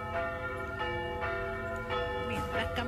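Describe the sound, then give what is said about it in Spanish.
Church bells calling to mass ring out in a rich, overlapping peal, with fresh strikes every second or so layered over long, humming tones that linger steadily throughout. “Campanas llamándole a la misa.”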